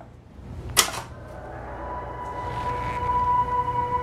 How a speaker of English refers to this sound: A creaky swing sways in the deserted schoolyard.